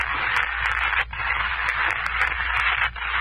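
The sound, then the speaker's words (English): Shuffling, scraping footsteps approach over a dense, steady hiss, with light clicks scattered through and two brief dips in the noise; no one speaks. “And then I know your footsteps coming to me from the darkness of the light that centers.”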